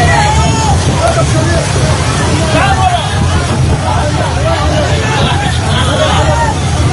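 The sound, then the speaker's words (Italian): A dense crowd of voices chatters and calls out outdoors, steady throughout, over a constant rumble like wind or surf, with no single voice standing out, as people on the coast of Gaza try to salvage the solar panels from a boat that drifted ashore. “Quello che state ascoltando è il sonoro di un video ricondiviso proprio dalla flottiglia, mostra alcune persone che tentano di recuperare i pannelli solari della barca, fondamentali nella striscia per la carenza di carburante.”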